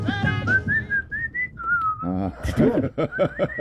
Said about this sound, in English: Are you whistling?